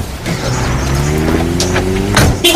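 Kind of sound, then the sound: vehicle, car driving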